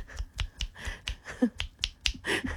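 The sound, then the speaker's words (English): A rapid run of about ten sharp finger clicks in quick, slightly uneven succession, crisp and fairly loud, with no talking, an impersonation on the Hit 104.7 radio show of someone clicking insistently to get attention. “Let me impersonate the click.”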